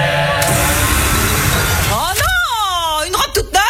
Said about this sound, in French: Pour les 100 ans de style, on s'est dit qu'on pourrait souffler nos bougies avec un souffleur à batterie.